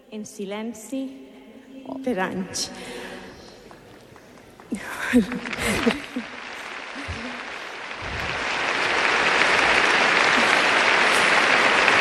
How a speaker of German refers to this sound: Die junge Frau verdient wirklich Applaus für den Mut.